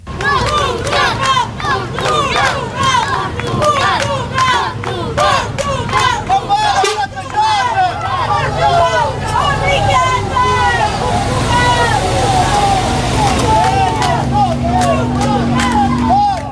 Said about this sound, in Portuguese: Foi assim, desta forma, entre protestos, mas também gritos de incentivo, como mostram estas imagens captadas pela SIC, que a comitiva da Seleção Nacional deixou o aeroporto Francisco Sá Carneiro no Porto, ao início da tarde.